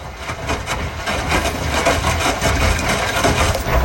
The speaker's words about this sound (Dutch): Dat is de wasmachine die al lekker vroeg staat te draaien. Dat klinkt als een rammelbak, Maiko. Maar ja, goed dat je dat doet zo, 's ochtends vroeg.